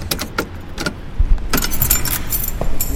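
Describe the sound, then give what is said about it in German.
Keys jangle and clink in bright, irregular bursts, rattling on and off over a low rumble of background noise, with no one speaking. “Ach, fuck, wo habe ich denn jetzt den verdammten Schlüssel?”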